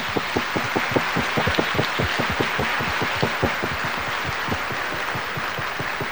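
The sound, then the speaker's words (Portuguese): A round of applause from a crowd thanking Padre Gustavo, with dense rapid clapping and a steady hiss, a few louder claps standing out rhythmically before it thins slightly toward the end. No voices. “Então vamos agradecer novamente o Padre Gustavo com uma salva de palmas.”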